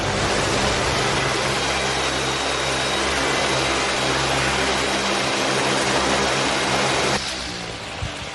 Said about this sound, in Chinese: 把沙柳枝像这样按照10厘米一个间隔排列在沙丘上，在沙丘上形成整齐的方格，草方格就是这样简单。不过草方格基础效果就不基础，让我们打开风扇。